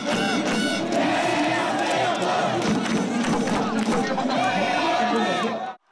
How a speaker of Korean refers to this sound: 다 함께 대한민국 목이 쉬어라 외친 시민들.